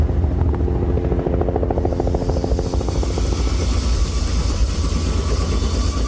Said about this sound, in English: I'm on the stern of the Coast Guard icebreaker Healy in the middle of the Bering Sea. And this is where the helicopter takes off for reconnaissance flights in search of spectacled eiders and walrus.